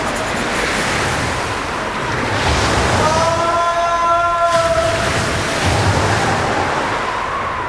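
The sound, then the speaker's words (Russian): Stormy sea waves crash and roar continuously and loudly at night below the cliff of the Château d'If, with a brief whistling, howling tone rising over the surf partway through. No one speaks. “Ночью тюремщики сбросили его со скалы в штормовое море.”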